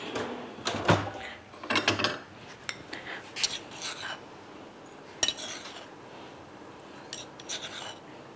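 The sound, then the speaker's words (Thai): Crispy fish pieces are dropped into a pot of sweet fish sauce over low heat, making a few crackly clattering bursts with light scrapes of a utensil against metal, then quieter rustling. “ิดไฟรอไว้เลยเบาๆค่ะแล้วก็เอาปลากรอบลงค่ะ”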